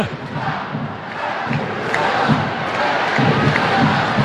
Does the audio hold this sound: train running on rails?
no